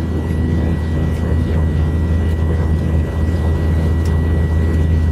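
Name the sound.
aircraft engine noise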